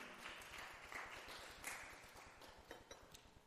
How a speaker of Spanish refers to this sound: Démosle un fuerte aplauso al Rey.